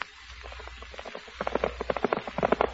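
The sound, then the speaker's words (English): Horse hooves clip-clop in a steady, even rhythm, faint at first and then growing louder as the horse arrives at palace walls, with no voices over the hoofbeats. “Where shall I tie our horse?”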